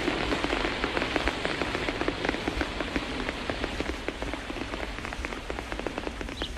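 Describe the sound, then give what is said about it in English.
Steady rain patters on a leaf overhead, dense irregular drops tapping continuously with a soft hiss underneath, no voices present. “He can hear it pattering on the leaf above his head.”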